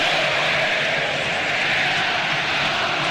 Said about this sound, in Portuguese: É Flaco Lopes, o grito da torcida aqui no Allianz Parque, na saída do jogador.